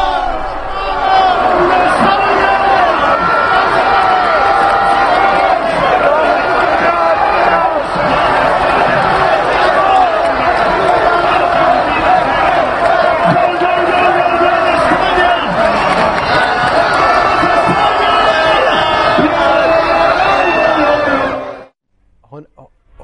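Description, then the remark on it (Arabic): A large, dense crowd of Spanish football fans cheers and celebrates in the street in Madrid after Spain wins the title, a loud continuous roar of voices, shouts and chanting that carries on steadily for about twenty seconds before cutting off abruptly. “نعم الجماهير الإسبانية خرجت لتعيش هذه الفرحة. نعيش فرحة مدريد.”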